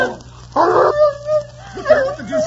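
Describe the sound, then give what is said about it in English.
A dog attacking gives a short, harsh snarling burst, followed by high, wavering whines and yelps, as if caught in a scuffle. “He's a mean animal. Stay away from him.”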